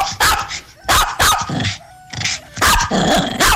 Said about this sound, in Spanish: ¿Por qué salen casi todas las clases de animales menos el perro? ¿Qué pasa ahí? No, porque es que el perro es este, vea.